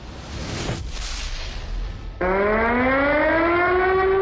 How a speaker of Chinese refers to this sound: 警报器骤然响起，短而急促的声音把熟睡的于美轩惊醒，悬在空中的灯泡不停摇晃，他感觉有点头晕，立刻警觉到是附近发生了地震。